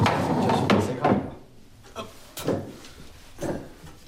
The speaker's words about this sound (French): Là, il faut que je monte sur la chaise.